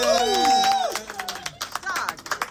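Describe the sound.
A sustained, ringing voice note fades out, and a crowd's applause takes over: a dense, uneven patter of clapping at moderate loudness, with a little chatter mixed in.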